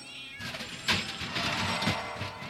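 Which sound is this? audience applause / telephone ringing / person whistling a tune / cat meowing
cat meowing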